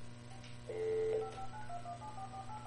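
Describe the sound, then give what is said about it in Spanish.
A phone number is being dialed again after the phone line failed: a steady tone sounds for about a second, then a quick run of short keypad beeps follows at an even pace, with no one speaking. “A ver, vamos a marcarle otra vez.”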